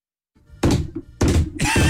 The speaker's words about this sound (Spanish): Y ahora sí se escuchó una puerta abrir.